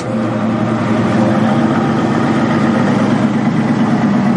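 safari vehicle engine idling

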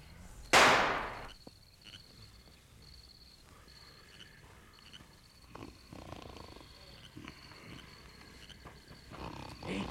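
gunshot

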